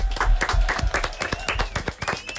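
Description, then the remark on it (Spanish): Rhythmic clapping from a small group, fairly loud, with sharp claps landing in a steady quick beat, along with a faint tonal sound running through the background. “Aplaudimiento.”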